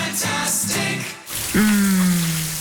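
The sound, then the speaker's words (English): A shower runs with a steady hiss of spraying water, briefly dipping before a squeaky tone rings out and fades under the continuing spray. No one speaks. “Shower time.”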